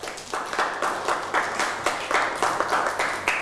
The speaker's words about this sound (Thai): เอาปรบมือให้กับเพื่อน